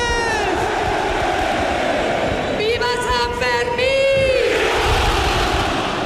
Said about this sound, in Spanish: Con el sonido del cohete y el tradicional grito de pamploneses y pamplonesas.